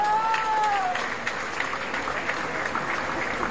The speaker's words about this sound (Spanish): Otro aplauso para Eternit, por favor.